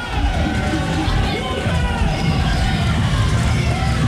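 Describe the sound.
A huge stadium crowd roars steadily as the Croatia and England players, with Croatia captain Modric, come out onto the pitch, a dense wash of cheering and shouting voices that holds at a constant loud level throughout.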